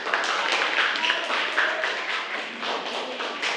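A group claps steadily for a few seconds, a dense, continuous patter of many hands with no clear beat, fairly loud and without any talking over it.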